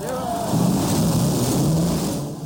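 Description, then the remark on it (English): Race car engines at the Indianapolis 500 start and roar together in a steady, loud, low drone over a broad wash of noise, holding even for a couple of seconds with no break. “and gentlemen, start your engines.”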